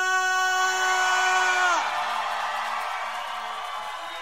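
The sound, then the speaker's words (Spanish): A large crowd lets out a loud, sustained unison war cry that drops off after a couple of seconds into a continuous roar of yelling and cheering voices. “¿Cuántos pueden gritar con un grito de guerra?”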